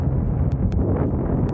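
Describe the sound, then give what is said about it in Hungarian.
Steady wind, heard in a video of a paraglider flying, roars and buffets against the microphone in a constant low, rumbling rush, with a few brief crackling gusts breaking through. No voices are heard. “Ez a szél.”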